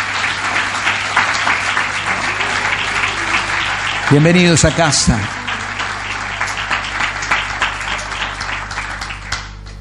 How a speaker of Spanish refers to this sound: Nos damos un buen aplauso en esta mañana.